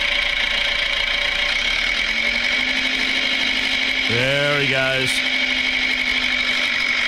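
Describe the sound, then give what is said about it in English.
A small red tractor engine runs steadily, its pitch rising and falling in a brief rev midway as it pulls away. A man speaks briefly over the engine noise. “On the little red tractor.”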